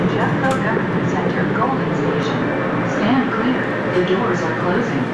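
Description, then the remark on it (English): Steady, loud rumble inside a light rail train on RTD's W line, with indistinct voices murmuring beneath the continuous hum of the moving car. “I was finally on RTD's W line.”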